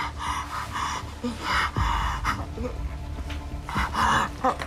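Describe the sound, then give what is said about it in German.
Heavy, labored breathing from a patient in distress having an acute heart attack, with wet rattling lungs, oxygen saturation at 74% and heart rate of 120, with repeated gasping breaths and rasping inhales and exhales, moderately loud against a low background rumble. “Versuchen Sie ganz ruhig weiter zu atmen.”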